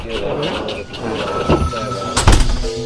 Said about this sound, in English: In 5, 4, 3, 2, 1. First floor. Doors open.